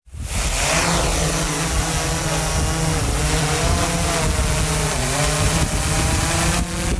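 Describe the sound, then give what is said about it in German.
A drone used for rescuing roe deer fawns in meadows hovers, giving off a loud, steady buzzing whine of layered motor hums, holding constant for several seconds with slight pitch wavering and no voices. “So tönt eine Drohne.”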